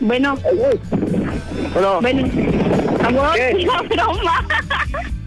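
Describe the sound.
A muffled voice comes through a phone line, half-buried under steady, loud rushing wind noise and a low engine rumble, from a caller who is still on a motorcycle.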